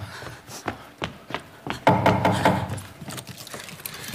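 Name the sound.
door being opened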